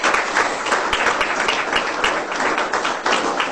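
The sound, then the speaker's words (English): A crowd applauds steadily for media arts students from Northeast Community College at an evening presentation, many hands clapping in a dense, continuous wash of sound that stays fairly loud and even throughout, with no speech over it. “I'd like you guys to give them a round of applause, because that's...”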